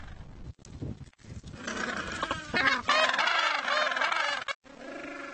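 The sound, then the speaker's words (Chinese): Penguins call to their mates in loud, overlapping braying honks, a dense chorus that runs almost continuously with a couple of brief breaks; the penguins recognize one another's calls as they pair up again at their breeding site in October. “尽管分开了这么久，他们仍会记得彼此的叫声。”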